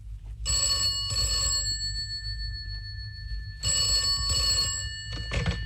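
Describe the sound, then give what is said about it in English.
A telephone bell rings in the classic double-burst pattern, two clear rings separated by a pause, with a third starting at the end, over a low, steady background rumble. “Then the phone rang.”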